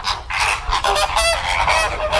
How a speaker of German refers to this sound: So klingen Flamingos. Ja, die leben da ihr bestes Inselleben